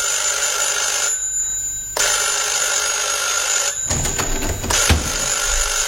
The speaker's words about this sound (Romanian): La întoarcere, asta s-a petrecut ieri, adică duminică spre seară, am auzit soneria telefonului încă de pe palier.